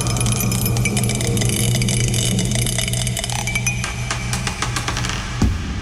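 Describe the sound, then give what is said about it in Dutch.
A small die spins and rolls across a hard surface in a dice game, making a run of quick, irregular clicks and rattles over a steady low hum, with one sharper knock near the end as it lands on four. “Oh, hij is aan het tollen, dat dobbelsteentje. Hij tolt.”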